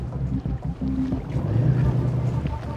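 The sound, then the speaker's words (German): A sailboat under full sail moving across lake water: steady wind rush and a low, continuous rumble of water against the hull, with muffled voices faintly underneath. “Ist jemand an Bord? Hallo? Ist vielleicht doch noch ein Ausreißer von letzter Nacht. Unter voller Besegelung?”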